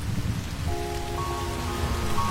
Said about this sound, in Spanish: Entonces me deslizo por los túneles mientras afuera se escuchan los truenos y el agua cae.